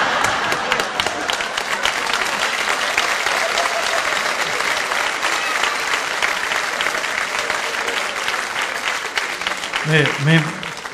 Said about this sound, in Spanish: Bueno, yo 44 añitos casado. No sé qué quiere, que le hagamos un aplauso, un minuto de silencio, lo que quiera, lo que quiera.